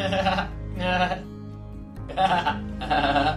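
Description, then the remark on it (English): A person imitates a goat with four wavering, nasal bleats in a steady rhythm, loud, each one a quavering "maa" sound with short pauses between. “Once upon a time, a mother hen and her chicks lived at the edge of a big field with their friends duck, quack, quack, cat, Meow. And goat.”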